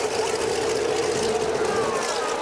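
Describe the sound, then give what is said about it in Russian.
The engine of Sikorsky's airplane starts up and runs with a steady, loud drone and a constant buzzing hum, holding an even pitch throughout without pauses or changes. “Так, заводится.”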